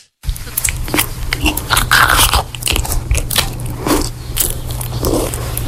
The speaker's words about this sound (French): Alors c'est pas loin, mais effectivement c'est quelqu'un qui mange.